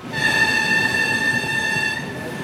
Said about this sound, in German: So klingt der Zug, der am 3. Mai von Nördlingen nach Wassertrüdingen und Wilburgstetten gefahren ist. Es ist ein älteres Modell. Die Passagiere sitzen auf beige-braunen Polstern, die Fenster schließen sich durch eine Kurbel